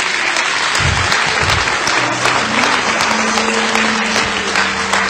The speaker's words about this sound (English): So, thank you, men, for sharing the word, being obedient with your message from God. Let's give the Lord a hand clap for that.